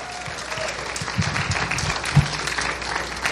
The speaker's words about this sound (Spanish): No, dije yo, van a aplaudir.